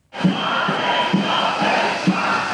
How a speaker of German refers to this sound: Wagen stoppen, schallt es mitten in Hannover über den Platz der Menschenrechte. Tausende Menschen sind gekommen. Der Platz ist voll. Aus ganz Deutschland sind Beschäftigte aus dem Gesundheitswesen angereist.